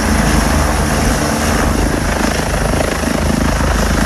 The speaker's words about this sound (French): Voilà maintenant, vous savez tout, l'envers d'un décollage du Dragon 25, l'un des hélicoptères de la sécurité civile, n'a plus de secret pour vous.